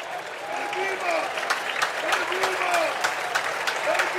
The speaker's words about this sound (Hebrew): עכשיו אבדולאי סק ממשיך לקבל את הכבוד, את מחיאות הכפיים. אנחנו בדקה 87, 4-1 למכבי חיפה.